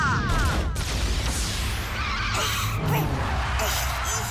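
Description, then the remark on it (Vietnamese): Loud laser blasts fire in a rapid burst, with descending zapping sweeps layered over dense crashing, rumbling battle noise that continues steadily throughout. “Laser sức mạnh kinh khủng, bắn.”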